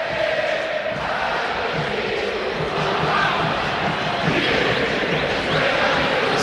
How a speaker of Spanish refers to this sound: Sentite Monumental. Metete en esta atmósfera sonora de la cancha de River.